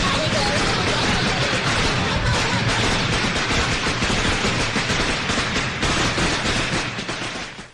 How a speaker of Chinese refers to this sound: 赶紧放鞭炮放鞭炮，亲 爱的同志们，哎呀，这么大喜事。